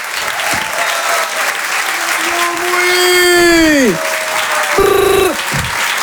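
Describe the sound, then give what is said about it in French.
An audience at a Rire et Chansons comedy show applauds loudly and steadily for a stand-up comedian being introduced, with drawn-out cheers and whoops rising above the clapping before a final short shout. “Je vous demande de l'applaudir très très fort. Faites un maximum de bruit s'il vous plaît”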